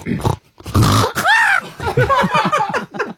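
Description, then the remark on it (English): A person imitates by voice a pig stubbing its toe: low rough grunts, then a sharp rising squeal, followed by a quick run of choppy squeaky snorts, loud. “See, I think that was a pig that stubs its toe.”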